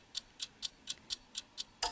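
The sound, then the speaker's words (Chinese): A clock ticks steadily, about eight even clicks in two seconds, crisp and fairly quiet, with the last tick slightly louder and fuller. No voices. “隐约听到滴答滴答，你屋企嘅仲有冇呢啲嘅钟嘅钟声啊？”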